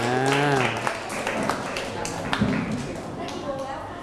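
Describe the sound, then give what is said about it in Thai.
A burst of scattered group applause given for all the groups, many hands clapping in a dense, uneven patter that continues steadily, with a voice talking over the start and more talk beneath. “ปรบมือให้กับทุกกลุ่มครับ”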